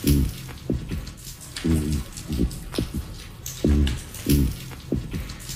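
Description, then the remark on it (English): Rockfish knocking sounds come in quick, low, thudding bursts, repeating in short clusters every second or so against a steady underwater hiss. No voices are heard. “and they often make these noises when they are being chased by other larger fish, or sometimes they'll make these knocking noises in quick repetition when they are chasing their own prey along the ocean floor.”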